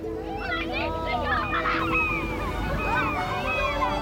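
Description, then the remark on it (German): Seagulls circle and cry repeatedly overhead above a beach, their rising and falling calls overlapping almost continuously, against a steady low wash of surf and wind at the shore, with the sun low over the horizon. “Am Strand spielen ein paar Kinder im flachen Wasser, über ihnen kreisen Möwen.”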